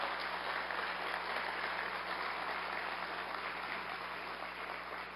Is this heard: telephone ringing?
no